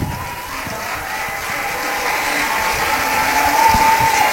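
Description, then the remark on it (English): Steady crowd noise at a softball game involving Western Boone, applauding a batter for drawing a walk: a sustained wash of applause and cheering with scattered claps and a brief high whistle-like tone near the end, fairly loud throughout with no clear speech. “So a big round of applause to Blankenship for drawing that walk.”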